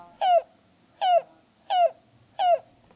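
A yellow-billed cuckoo calls four times in a steady rhythm, each note short, hollow and slightly falling in pitch. The calls are clear, with quiet pauses between them.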